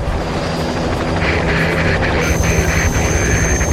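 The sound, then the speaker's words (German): A police helicopter squadron from Magdeburg takes off, a steady, loud wash of engine and rotor noise with a constant high whine and low throbbing hum, no voices present. “Die Hubschrauberstaffel aus Magdeburg hebt ab.”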